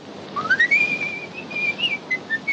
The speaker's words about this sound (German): Fröhlich pfeifend macht sich Harry davon.